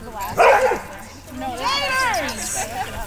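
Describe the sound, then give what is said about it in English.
A large pack of dogs of all shapes and sizes bark, yip and whine together during filming: a sharp bark burst early on, then overlapping high, wavering whines and yelps from more than one dog, moderately loud. “The filming overall went more smoothly than you'd expect for a show featuring a large pack of dogs of all shapes and sizes.”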